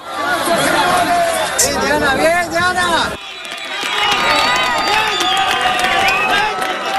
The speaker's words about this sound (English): Bruce, when you hear that cheering, that joy, does that take you back to those moments when you managed to pull those 7 out?